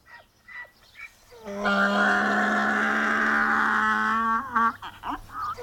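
A tethered donkey brays loudly, one long, harsh, strongly tonal cry held for nearly three seconds, then breaking into a few shorter gasping honks as it trails off.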